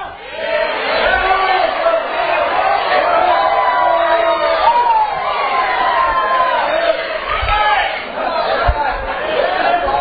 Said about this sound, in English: All this shouting going on. All this praising going on.